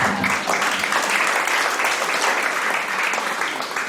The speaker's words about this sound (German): Stellvertretend sage ich jetzt, schön, dass Sie da sind, liebes Publikum. Sie können sich auch selbst einen Applaus geben.